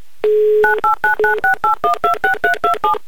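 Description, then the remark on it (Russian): A steady dial tone gives way to a quick run of about ten telephone keypad beeps as a phone number is redialed, each short two-pitched tone evenly spaced and clear, with no voices. “набирай ваш номер телефона”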